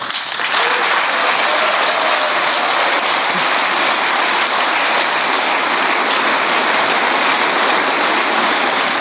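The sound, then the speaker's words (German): Steady, dense applause from a large crowd, the SPD party leadership clapping after a speech, a continuous loud patter of many hands clapping at once that holds evenly for about nine seconds with no voices standing out. “Die SPD-Parteispitze klatscht ergriffen Beifall auf eine Rede, in der Frau Fahimi es als realistisch darstellt, dass die Destruktion des Sozialstaates bevorstünde.”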